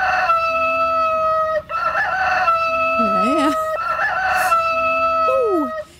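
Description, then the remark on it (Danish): A rooster crows repeatedly in strained, wavering calls over a steady high-pitched electronic whine, with brief pauses between bursts; the crowing sounds loud. “Det er en hane, der virkelig er i gang her.”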